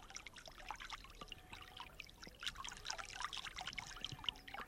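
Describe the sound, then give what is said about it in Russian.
The small Okervil river in Leningrad trickles and burbles steadily in a green grove, with bright splashing and gurgling water sounds filling the whole stretch, no voices present. “В одном из таких оазисов мне и посчастливилось, наконец, услышать голос речки Окервиль.”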